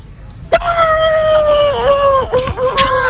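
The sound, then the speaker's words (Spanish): A person imitates a horse's whinny with one long, high, steady vocal note that wavers and dips near the end, coming out closer to a howl than a neigh. “Bueno, el caballo un poco regular, ¿no? Regular, el caballo sale regular, amigo.”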